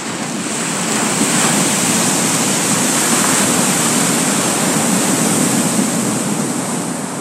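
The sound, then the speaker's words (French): Large Pacific Ocean waves roar as they break against an island shore in a loud, continuous wash of surf, with no distinct breaks between crashes and no voices. “Il gonfla tellement que d'énormes vagues se brisèrent contre sa chère île.”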